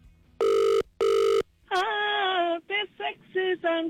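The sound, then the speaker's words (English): A phone line rings out with two quick, loud, steady tonal bursts in a double-ring pattern, then a voice answers by singing. “You just got to answer your phone.”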